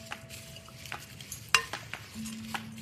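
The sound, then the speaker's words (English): Rolled oats, pumpkin seeds, sliced almonds, coconut chips and chia seeds are tossed in a bowl to break up clumps, making soft scraping and rustling strokes with one sharp clink of a utensil against the bowl midway, no one speaking. “And I first like to just give this a toss because I don't want any big clumps once we pour in our liquids.”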